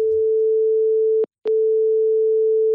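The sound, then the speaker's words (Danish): A steady, single-pitched telephone ringing tone hums on the line as a call is placed, cut off for a moment midway by a couple of sharp clicks before resuming just as before. No one speaks. “Jeg ringer til formidlings- og kampagnechef i Realdania, Christine Viren.”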